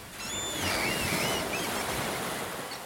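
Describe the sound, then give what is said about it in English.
Steady surf washing onto a beach on the island of Juist, a broad continuous roar of breaking waves with thin high whistling tones drifting above it early on. No voices. “So klingt es auf Jüst.”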